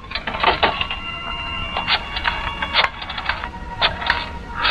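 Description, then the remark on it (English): A telephone handset is lifted and a number dialed to call Tony Baines at his club: a run of sharp mechanical clicks and clatters over a steady, faint tonal hum, moderately loud, with no voices. “Pick up that phone. Call Tony Baines at his club.”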